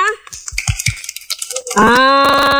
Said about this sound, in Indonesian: Oke, coba tepuk tangannya mana?